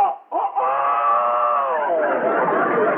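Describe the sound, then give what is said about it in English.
A loud, drawn-out squawk from a parrot, harsh and strained, lasting about three seconds after a brief clipped opening cry, with no talking around it. “The parrot.”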